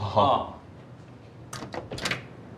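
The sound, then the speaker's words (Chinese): A door shuts and its lock is engaged, which starts a timer, giving a short cluster of sharp mechanical clacks and rattles, preceded by a brief murmur of a voice and quiet room background. “你先进去。对，关门。关门。 完了，锁上呗。”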